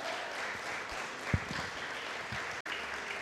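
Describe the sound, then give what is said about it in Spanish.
An audience applauds together in praise of Christ, a steady dense wash of clapping filling the room for a few seconds, with a couple of louder claps near the middle and a brief cut near the end. “Denle un fuerte aplauso a Cristo, aleluya.”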